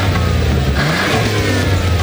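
A car engine revs loudly, its low rumble rising and surging in pitch over two seconds with no talking.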